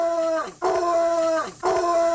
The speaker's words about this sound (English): We have our guard dog on the show, Houndini. If you can hear this, I just put the app on, Houndini. Bark three times if you can hear this.